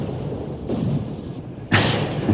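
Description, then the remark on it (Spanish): Muffled explosions from bombs, grenades and mortars: a low, rumbling boom followed by a sharper, louder blast that lingers, with no voices. “No, señor presidente. Son bombas, granadas, morteros.”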